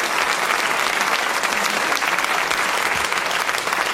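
Sustained applause from a studio audience, a dense, steady wash of many hands clapping at an even, loud level for the full stretch with no talking over it.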